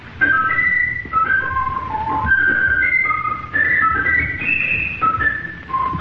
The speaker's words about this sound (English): That's the wood thrush. Wood thrush, good for you.